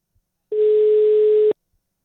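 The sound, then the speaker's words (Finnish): A single steady telephone ringback tone sounds for about a second, a clear, even electronic hum, with no voices present, as an outgoing call rings a caller in Lahti. “Mä annan sen vielä muutaman kerran soida.”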